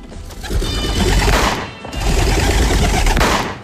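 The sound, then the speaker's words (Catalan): Two loud, dense bursts of shotgun fire, each lasting about a second with a crackling, rattling tail, separated by a brief dip, as two shooters fire at two pigeons released by a referee. No one speaks. “L'àrbitre deixa anar els dos coloms. L'Anny i en Frank disparen.”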